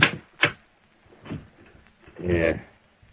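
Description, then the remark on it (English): A desk drawer holding a picture of Littlefield is pulled open: two sharp wooden clacks, then softer rattling and sliding, with someone speaking briefly near the end. “Well, I got a picture of Littlefield right here in this drawer.”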